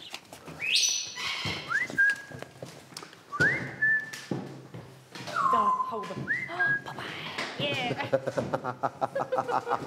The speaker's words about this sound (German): Es zwitschert schon. Ja, die Vögel warten schon.